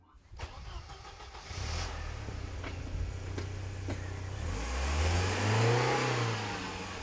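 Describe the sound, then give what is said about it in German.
A few sharp clicks, then a car engine turns over and settles into a low rumble before revving higher as a man who has just got into the car drives it away, with no talking. “Er nahm seine Sachen und stieg ins Auto und rief mir noch zu, mach die Garagentür zu.”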